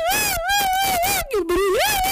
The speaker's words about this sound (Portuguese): Portanto, essa é a boa notícia, não é? Aquele barulho das crianças a gritar.